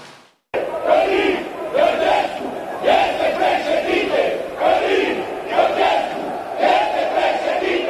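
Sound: protest crowd shouting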